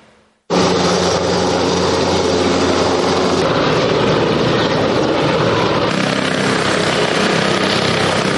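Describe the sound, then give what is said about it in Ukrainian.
Helicopter rotors and aircraft propellers drone loudly and without a break after a brief quiet start, a dense, steady roar with a low throbbing hum beneath it, during State Emergency Service rescue exercises in Cherkasy, Ukraine, fighting a burning ship on the Dnipro River from water and air. No one speaks. “Гул авіаційних винтів, палаюче судно посеред Дніпра та задимлена акваторія.”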